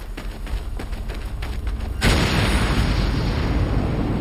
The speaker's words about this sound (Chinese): 弹药库被炸上天时，二人仍然在爆炸区域内。